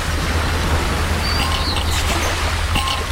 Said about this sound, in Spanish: Por ahí el sonido de una gaviota.